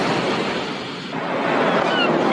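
Steady ocean surf washing in, a broad hissing roar that dips briefly and then swells again, fairly loud with no voices.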